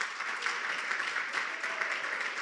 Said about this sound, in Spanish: Denle ese aplauso fuerte.